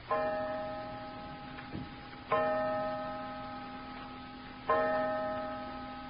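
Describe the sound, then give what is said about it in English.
A clock strikes five o'clock with slow, resonant chimes, three ringing blows about two seconds apart, each fading into a lingering hum, with a soft tick between them and no voices. “Five o'clock.”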